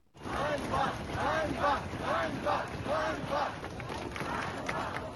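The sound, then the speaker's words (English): A large street protest crowd in Kyiv, Ukraine, chants "shame" in steady repetition, about six times in rhythmic bursts, loud over a continuous roar of voices and wind-like noise. “You can hear people shouting shame there. That's on the streets of Kyiv, but there have been other demonstrations in Lviv.”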